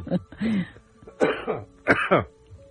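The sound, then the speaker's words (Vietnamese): A person coughs three times in quick succession, rough throaty bursts with short gaps between, fairly loud, with no talking in between. “Nhắc tới mấy ông cộng sản sao tự nhiên tôi phát ho không?”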